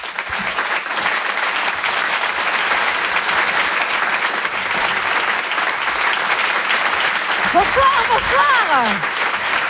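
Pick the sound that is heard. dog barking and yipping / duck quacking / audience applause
audience applause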